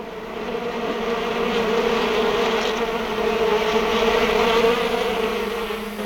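A dense, steady drone of bees buzzing at a pond, continuous for the whole stretch with a slight swell in loudness, and no voices.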